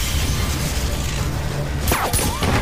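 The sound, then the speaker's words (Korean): After a stretch of dense, rumbling noise, a chandelier in a club is shot down during a gunfight and smashes loudly, with a sharp crash and glassy shattering bursting out near the end. “격분한 오대수가 마구잡이로 총을 쏴대는데 송상득이 샹들리에를 쏘아 떨어뜨린다.”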